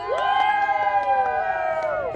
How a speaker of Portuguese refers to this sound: E a torcida aqui atrás tá muito grande. A galera vai gritar agora, vocês vão ouvir como é que tá a torcida dos brasilienses. E aí, galera?